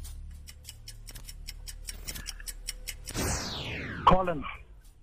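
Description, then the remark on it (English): A quiz countdown clock ticks steadily at a quick even pace for about three seconds, the time given to answer a question, then a descending electronic sweep and a sharp buzzer-like tone mark time running out. “I think the clock beat you there, hey?”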